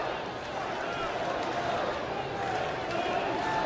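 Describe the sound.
A baseball stadium crowd at Oriole Park at Camden Yards fills the air with a steady, dense roar of mingled voices and murmuring during Gunnar Henderson's at-bat, holding at an even level with a faint lift toward the end.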